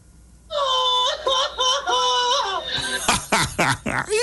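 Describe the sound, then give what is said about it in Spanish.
On a radio show, a man's voice imitates a rooster crowing as if with the pip stuck in its throat, hoarse and strained: a long wavering high-pitched cry with rising and falling bends, breaking into rough, raspy bursts near the end. “este es el grito de gallo con pipití atravesada.”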